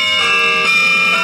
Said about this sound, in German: Ich hab mir ganz katholisch, bayerisch, habe ich mir die Glocken in den Morgen geholt.